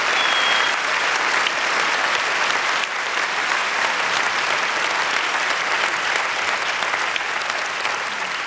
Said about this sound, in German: Bitte noch mal einen großen Applaus für unser wunderbares Orchester, das Saarländische Staatsorchester unter Wolfgang Emanuel Schmidt.